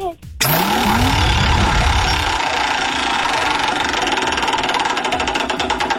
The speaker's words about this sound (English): Let's spin the wheel and find out. You ready?